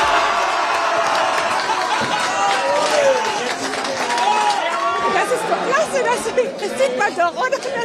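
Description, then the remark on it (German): A packed crowd of football fans in pubs in Freiburg's city centre roars after the final whistle of Freiburg's 3:1 home semi-final second-leg win over Sporting Braga, many voices overlapping in a dense, continuous din, with whoops and yells rising above it in bursts toward the end. “Und in der Innenstadt von Freiburg waren die Kneipen natürlich voll mit Fans, die das Spiel gemeinsam geschaut haben. Und nach dem Abpfiff war der Jubel riesengroß.”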